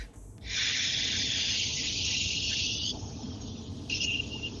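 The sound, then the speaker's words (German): A steady, loud hiss of air escaping from a car tyre, running for a few seconds before dropping lower, then a short final burst of hissing. No one speaks. “Und ich fahre Auto und jetzt habe ich mal die Luft aus meinem Reifen gelassen.”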